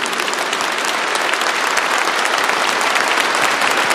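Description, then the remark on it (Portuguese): A warm, sustained round of applause from a sizable crowd at a couples' retreat religious gathering, dense overlapping claps at steady volume for the full few seconds, with no talking over it. “E tomando consciência do Deus que se faz presente, vamos acolher uns aos outros e a presença do Senhor com uma calorosa salva de palmas.”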